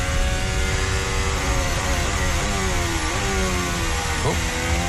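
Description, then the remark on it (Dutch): A loud, high-pitched racing car engine screams continuously, its revs dipping and climbing sharply a couple of times as if shifting gears, with dense roaring noise throughout and no talking. “Ja, met twee auto's voor je kom je bij bocht 12 wel wat downforce op je voorvleugel tekort.”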